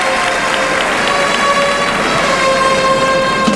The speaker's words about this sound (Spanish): Mira la plaza en pie, aplaudiendo. Qué par de banderillas ha puesto Iván García. Que saluda ahí. La gran ovación del público de Almería.